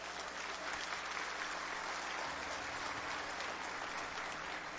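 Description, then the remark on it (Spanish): A crowd applauds for the Lord steadily for several seconds, a dense, even wash of many hands clapping at a constant moderate level with no voices standing out. “Si quiere, déle ese aplauso al Señor.”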